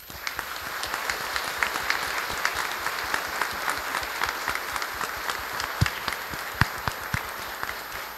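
A crowd applauds steadily for several seconds, a dense patter of many hands clapping with scattered sharper claps standing out, sustained at an even loudness with no voices.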